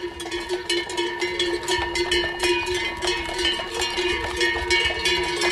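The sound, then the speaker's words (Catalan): A dense, continuous clanging of the bells of the village's horses and cows in Llívia as they go up to pasture at la Bullosa in Alta Cerdanya for the transhumance festival, overlapping metallic clonks ringing at varied pitches in an irregular, jostling rhythm, fairly loud throughout with no voices. “Que és la dels cavalls i vaques del poble, avui pugen a pasturar a la Bullosa, a l'Alta Cerdanya.”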